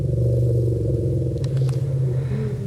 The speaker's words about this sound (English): Well, a new study suggests the noise they make help the animals stay in tune with one another. The BBC science correspondent Victoria Gill has been listening and trying to understand choruses of African elephant rumbles.